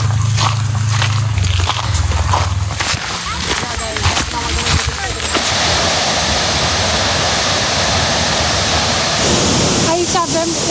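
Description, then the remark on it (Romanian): Rushing water pours steadily and loudly, a broad continuous roar of a waterfall in the Seven Ladders Canyon (Canionul 7 Scări) near Brașov, Romania, with brief scraping and clattering sounds early on and some faint chirps near the end. “Cele 9 scări din canion care trece prin 7 cascade.”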